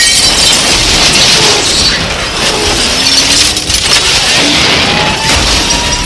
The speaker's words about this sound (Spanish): Golpean a la patrulla. Esta pierde el control y choca contra otra patrulla.